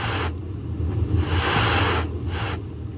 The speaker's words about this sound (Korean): 현우의 뒤를 따라 들어온 고양이들이 갑자기 털을 세우고 하악거리기 시작했다